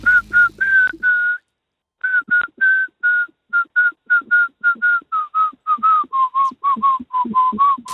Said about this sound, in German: Kannst du Melodien pfeifen mit mehreren Tönen als einem? Ja, schon.